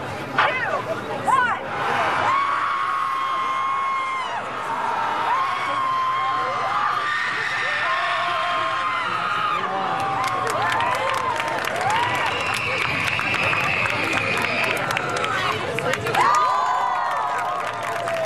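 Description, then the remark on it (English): A crowd at a seaside screaming contest screams and cheers loudly and continuously, many overlapping voices rising into long, strained yells with bursts of whooping and clapping throughout, energetic for the whole stretch. “an outlandish event called Guttural Scream at the Sea”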